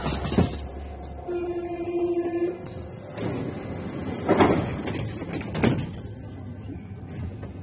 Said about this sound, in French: Le métro est bondé et les visages moroses.